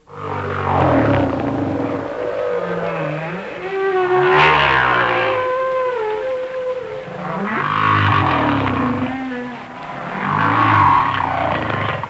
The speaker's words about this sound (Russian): А вот звуки, издаваемые китами.